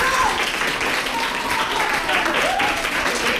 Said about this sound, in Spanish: Quiero pedir un aplauso para lo que acaban de decir los tres.